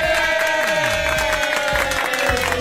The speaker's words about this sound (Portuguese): Cadê os aplausos da Camila Milani?